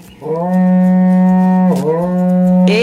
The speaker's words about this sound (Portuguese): Toca o berrante, ele tá pedindo pra tocar. Rapaz, o berrante aí. Vamos acordar o povo. Vamos acordar esse povo, vamos?